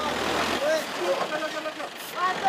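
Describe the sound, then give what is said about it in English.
Heavy aid trucks packed with medicine, food and tents idle in a steady low rumble, stuck in a traffic jam on the only route into a disaster zone in mountainous terrain at Betrawati, amid dense outdoor noise, with scattered voices of people calling and talking over the drone. “This is the only route into the disaster zone, and it's jammed.”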